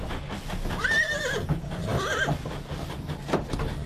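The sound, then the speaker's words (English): A horse carried as cargo aboard the Pichi Richi Railway heritage train in South Australia's Flinders Ranges whinnies twice, quavering calls about a second apart, over a steady low rumble of the moving train, with a faint clatter near the end. “They love it when they find out that they've got the horses on board.”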